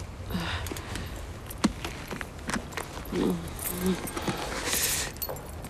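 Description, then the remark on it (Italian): A bunch of car keys being handed over jangles in bursts of bright metallic clinking and rattling, with soft rustling and a faint low hum underneath. “Mi dia le chiavi, l'accompagno io, mi crede?”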